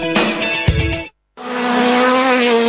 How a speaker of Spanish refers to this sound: Muy pronto rugen los motores en los caminos del departamento. Rally de 33.